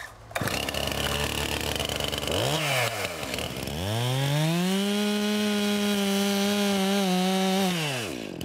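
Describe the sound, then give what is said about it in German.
A chainsaw idles, briefly revs up and drops, then roars to full throttle and holds a loud, steady whine for several seconds while cutting into a tree being felled, before easing off. “Und das heißt, ich mache die Säge aus, mache den Gehörschutz hoch, schaue mich um, guck, ob da keiner steht, der hier nicht sein soll.”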